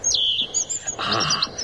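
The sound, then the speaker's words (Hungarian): A small bird sings in bright, high chirps and whistled trills, the phrases sweeping up and down in quick succession, clear with no talking. “De én hallom a dalt már.”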